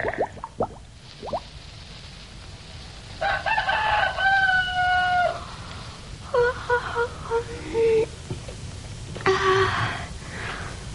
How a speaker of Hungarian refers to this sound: Siessünk, nyár van, hamar virat, mintha már valahol kukorékolna is egy kakas.